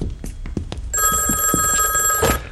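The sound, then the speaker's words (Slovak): A telephone starts ringing after a few soft thuds, its bright, high-pitched electronic ring sounding steadily and loudly without a break until the end. “Idem, to bude Leo. Mal volať ako s tým rajcom.”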